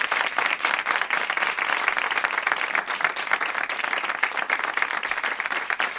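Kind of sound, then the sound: crowd, studio audience applause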